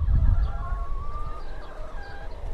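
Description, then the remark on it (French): Free-range hens cluck and call softly outdoors in a grassy, tree-lined run off their large building on a hot, sunny day, wandering to shady spots. A few drawn-out tonal notes rise over a low rumbling background, with no one speaking. “Donc oui, là, en effet, on les voit chanter un petit peu et puis se promener sur les petits coins d'ombre.”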